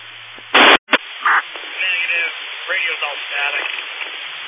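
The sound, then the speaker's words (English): Constant narrowband radio hiss with a loud crackling burst and a sudden dropout near the start, then garbled, muffled transmission voices breaking through the static. “Radio's all static.”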